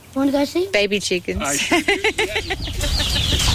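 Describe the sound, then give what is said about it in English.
Baby chickens cluck and peep in quick bursts of short, bright calls in a backyard in Robeson County, with a steady hiss of outdoor background noise behind them. “Baby chickens. Oh, I hear them.”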